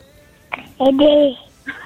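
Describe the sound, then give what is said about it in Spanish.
A baby babbles into a cell phone held up to it, a few short cooing bursts with a rising and falling pitch, thin, separated by brief pauses of quiet line noise. “Oh, arrímale el celular al bebé a ver si quiere decirle algo a su mamá.”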